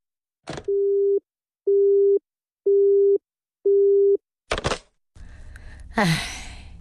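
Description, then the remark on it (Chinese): A click, then a phone busy tone after a call is hung up: four steady, loud beeps at an even on-off rhythm, followed by a clunk as the handset is put down and some rustling handling noise. “妈，没别的事儿，我就挂电话了啊。”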